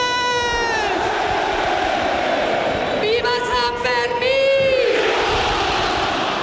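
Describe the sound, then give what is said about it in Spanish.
A huge crowd in Pamplona roars the traditional shout of the people of Pamplona opening the 2026 San Fermín festival, thousands of voices blending into a sustained, swelling cry with sharper yells rising over a dense wall of noise, loud throughout. “Con el sonido del cohete y el tradicional grito de pamploneses y pamplonesas.”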